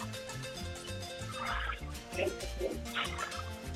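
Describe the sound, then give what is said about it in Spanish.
A turkey gobbles in a few quick, loud warbling bursts over a steady rhythmic musical backing, marking Pavo (Grupo 20) in a lottery draw's second prize, with no one speaking. “78 es la decena que corresponde a Pavo Grupo 20 en este segundo premio.”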